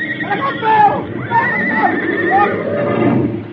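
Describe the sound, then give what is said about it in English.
Horses neighing, belly deep in a rushing flood: several shrill, wavering whinnies rise and fall one after another, loud, over a dense, churning low rumble that fills the whole stretch. “A useless warning, for the horses, belly deep in the turgid flood, cannot leap away from the approaching doom.”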